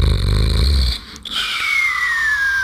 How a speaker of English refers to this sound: It's boring, boring. I'm snoring, snoring. I'm snoring, snoring. I'm nearly falling asleep.